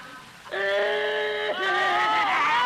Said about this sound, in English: Stop crying. Oh, this is all my fault.